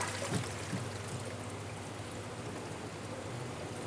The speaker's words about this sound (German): Langsam das Wasser reinkippen, sonst läuft das Becken über.